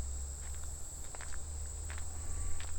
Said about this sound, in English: Wait, I hear something. As a matter of fact, I think the sound I just heard is a squirrel chewing on a walnut. Where is he? He's right up above me somewhere. I can't see him.